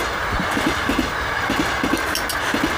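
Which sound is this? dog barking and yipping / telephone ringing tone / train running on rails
train running on rails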